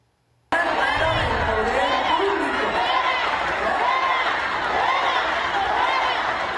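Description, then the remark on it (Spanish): After a brief silence, a large crowd at an event bursts into loud, sustained shouting of "fuera" (out) at a female protester speaking through a megaphone, many overlapping voices rising and falling together in a dense, continuous roar. “En las imágenes se ve cómo el público le grita fuera a la manifestante con el megáfono,”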